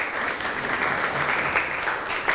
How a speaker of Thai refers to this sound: ปรบมือให้ตัวเองอีกครั้งหนึ่งครับ